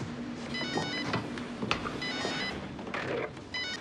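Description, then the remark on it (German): A telephone rings in repeated electronic bursts at a steady rhythm, clear, over a busy background with some muffled knocks and rustling. “Telefon. Ich schaff das blöde Ding wieder ab.”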